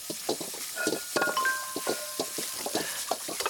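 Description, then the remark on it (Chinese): Dishes clink and clatter in steady, irregular bursts while being washed with dish detergent, with bright metallic rings over a constant wash of running water; no voices are heard. “我洗吧，你帮我吧，给我一点那个洗发水，洗洁精，类似的”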